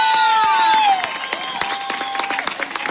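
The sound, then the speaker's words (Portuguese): An audience bursts into steady applause for Colombia and Portugal, with scattered cheers and whistles, a dense wash of many hands clapping, with a loud shout or whistle at the start that fades. “Gracias a ustedes y nuevamente ese aplauso para Colombia y para Portugal.”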